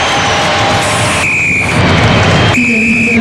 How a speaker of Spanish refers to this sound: Ahí está el pitazo de Rodrigo Carvajal. Pitazo final. Termina el partido.